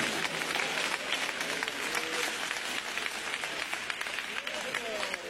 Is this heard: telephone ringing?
no